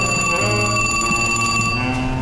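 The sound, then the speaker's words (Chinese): A telephone rings loudly and continuously, a bright, shrill bell tone sustained for the whole moment with no pause and no voices. “但是电话一直在响，总得有人去接吧。”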